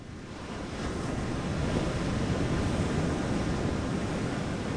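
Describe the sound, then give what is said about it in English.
Ocean surf rushes onto a beach near Sunset Point, with a fire burning behind, in a steady, full roar that swells slightly after the first second and holds, with a windy hiss over it and no voices. “Watch the waves, listen to the fire behind us.”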